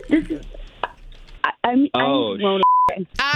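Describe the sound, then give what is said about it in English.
A single short electronic beep, like a phone keypad tone, sounds clearly as someone checks their phone, between bursts of lively talking voices, fairly loud. “Hold on, let me check my phone.”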